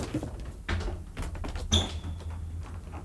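A wardrobe door swings open and shuts: a couple of soft wooden knocks and clunks, then a brief thin squeak from the hinge. No one speaks.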